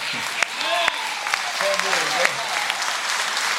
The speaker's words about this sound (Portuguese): Vamos aplaudir esses famosos.